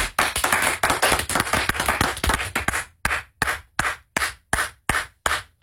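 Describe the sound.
Someone imitates a stadium concert crowd's applause after a song: a dense burst of many claps that thins out into a single fan clapping alone while the whole stadium is silent, in a steady, evenly spaced rhythm, about two sharp claps per second.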